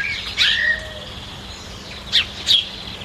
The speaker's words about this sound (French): Elle reste sur son banc, au pied de l'olivier, et puis elle écoute les oiseaux chanter.